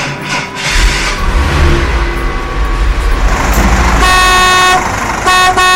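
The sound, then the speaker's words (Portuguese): A loud truck horn blasts in long sustained honks over a rumbling engine, with a brief pause before a final honk near the end; the truck is prepared for the parish feast of São Cristóvão, patron saint of drivers. “Meu caminhão já está preparado. E o seu? Bora lá?”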